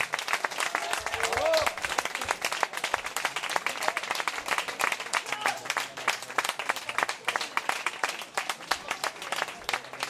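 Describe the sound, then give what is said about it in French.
A crowd applauds steadily for about ten seconds, celebrating a victory, dense overlapping claps with a few voices and cheers mixed in, sustained and fairly loud throughout. “applaudissements à la victoire.”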